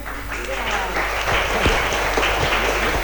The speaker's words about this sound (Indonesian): Mana tepuk tangannya? Semangat, semangat. Ulangi lagi.